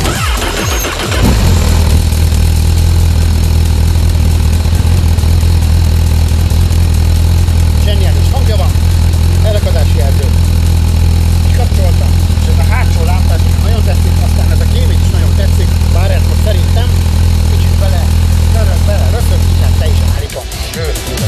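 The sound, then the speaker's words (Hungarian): A Honda Hornet SP 1000 motorcycle engine is started and settles into a steady, loud idle, a deep rumble running for nearly twenty seconds before it abruptly shuts off. “Adjunk rá, hát azt a gyújtást már ne hittem, azt már adtunk rá, de hogy akkor újítsuk el szépen ezt a motor kerékpárt, meg ezt is röpentjük be.”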